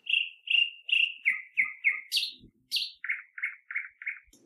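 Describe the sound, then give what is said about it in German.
Close, clear birdsong: a rapid series of bright, repeated whistled notes, stepping down in pitch with a couple of sharp rising chirps in between, with no voices. “Guten Morgen, ihr Vögelein.”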